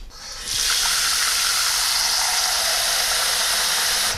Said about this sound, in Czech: Začneme tedy houbami. Čili já dám teďko do hrnce trochu vody.